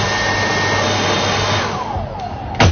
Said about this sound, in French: Et ensuite, une fois que c'est bien sec, on va quand même rajouter un petit coup de sèche-cheveux.